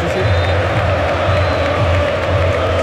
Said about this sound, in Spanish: Mira cómo canta la gente, sube el volumen Freire. Toro, toro, toro.